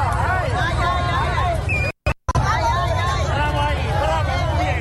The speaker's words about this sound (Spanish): Es el momento en que un grupo de manifestantes la emprende a golpes con el coche de la diputada de Ceuta